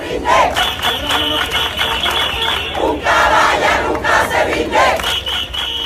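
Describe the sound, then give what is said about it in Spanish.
A large crowd of citizens at a Sunday street protest in Ceuta, Spain, chants slogans in unison, such as "Yo soy español, español" and "Una caballa nunca se rinde": loud rhythmic shouting with repeated phrases rising and falling over a continuous roar of voices. “Este domingo los ciudadanos han vuelto a salir a la calle al grito de "Yo soy español, español" o "Una caballa nunca se rinde".”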